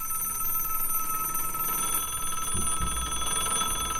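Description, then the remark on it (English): A telephone at Jerry Lewis's telethon rings with a steady electronic trill, continuous, bright and fairly loud with a fast warbling tone. A low rumble of background noise joins partway through. No one speaks. “Wait, I'm not going to answer your phones for you, Jerry.”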